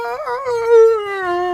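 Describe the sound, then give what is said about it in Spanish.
A human voice mimics a rooster's crow: one long, sustained, high-pitched call that wavers at first, then holds steady for over a second, fairly loud with no other talk. “No sé, pero quise imitar un gallo.”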